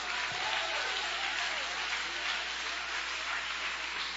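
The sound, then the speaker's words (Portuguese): An audience at a church service applauds God steadily, a dense, even wash of many hands clapping at once that holds at a constant loud level throughout, with no voices standing out. “Levanta a tua mão aí e aplauda ele, que ele merece.”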